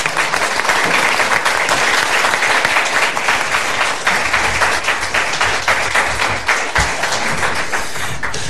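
An audience applauds steadily, a dense, loud wash of many hands clapping that holds evenly for the full stretch, with no voices rising above it.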